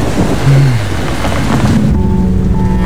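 A raging thunderstorm with heavy rain outside a café, a dense continuous roar of rainfall and low rumbling, steady and loud throughout with no voices.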